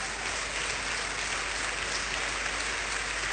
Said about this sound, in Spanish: Vamos a darle un aplauso por esa obra.